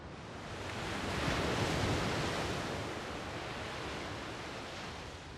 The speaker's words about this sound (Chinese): 那有一种说法是，听海浪的声音，能让你的心静下来。